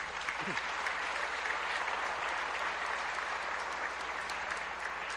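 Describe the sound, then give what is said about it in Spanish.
An audience at a Catholic Mass in a church applauds steadily, thanking the members of the Renovación Carismática who organized the songs and readings. It is a dense wash of many hands clapping at an even loudness for about five seconds, with no voices on top. “Démosle un aplauso a los hermanos.”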